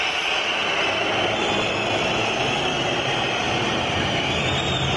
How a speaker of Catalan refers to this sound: Xiulets. I els xiulets. Abans del descans, escolteu-los al Palau.